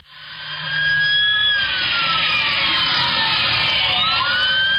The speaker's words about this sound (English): And you can hear the sirens. Listen.